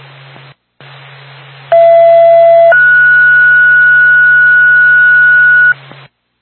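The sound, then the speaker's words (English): A two-tone dispatch page from Twin State, paging Woodsville Ambulance as backup, over radio static: a steady lower tone holds for about a second, then jumps to a higher tone sustained for roughly three seconds, loud above the hiss and hum. “Twin State, Woodsville Ambulance, backup. Stand by for tone.”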